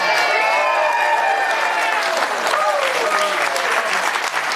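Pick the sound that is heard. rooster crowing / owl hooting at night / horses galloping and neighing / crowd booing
crowd booing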